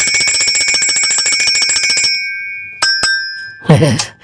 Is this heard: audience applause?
no